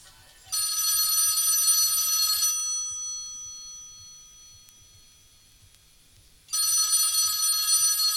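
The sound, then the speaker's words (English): A home telephone rings twice at 3 o'clock in the morning: a loud, shrill burst of trilling bell tones, a lingering decay and a few seconds of quiet, then a second ring starting. No one speaks. “Bitch, what are you doing calling my house at 3 o'clock in the morning?”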